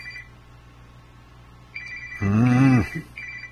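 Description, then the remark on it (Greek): A telephone rings with a steady, high electronic tone as a doctor calls again and again. The ringing stops and then resumes, while a short burst of voice briefly cuts in over it near the end. “Γιατρέ, κάτσε να κλείσω το τηλέφωνο, γιατί ο γιατρός παίρνει τηλέφωνο και δεν σταματάει.”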